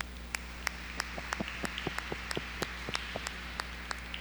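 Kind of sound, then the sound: crowd, audience applause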